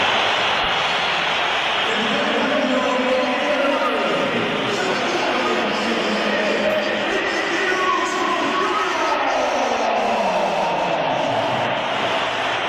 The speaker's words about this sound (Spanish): Pierde la bola Vini. ¿Y qué pasa? Que le pitan y se levanta rápidamente José Mourinho. Y hasta hace 2 segundos estaba solo Mourinho aplaudiendo a Vinicius porque no le ha gustado al portugués los pitos del Santiago Bernabéu al brasileño.